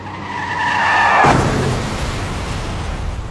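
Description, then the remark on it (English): A car's tires squeal in a rising skid for about a second, then a loud crash hits and leaves a dense wash of noise and debris that slowly fades. “Car crash.”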